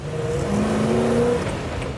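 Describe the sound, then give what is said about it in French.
A Range Rover car engine revs steadily for two seconds, its low hum rising and holding in pitch with a whirring tone, loud and continuous with no one speaking. “Cette voiture, tu vois, elle me dit « Viens, viens ». Ouais. J'adore. Et écoute un peu ce son.”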